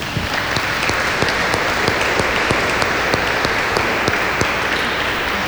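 An audience applauds steadily for several seconds, a dense, even wash of many hands clapping at once with a few sharper claps standing out, fairly close and loud throughout.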